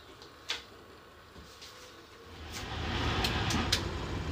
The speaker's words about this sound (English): But there's a problem. The engine won't idle properly.